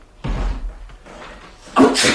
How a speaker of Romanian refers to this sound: Ai auzit? A strănutat cineva la ușa de la intrare.